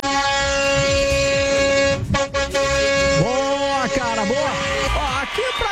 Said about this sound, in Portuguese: Quem buzina de carro, de moto, vale de todo jeito, cara. De toda forma, não tem essa, não.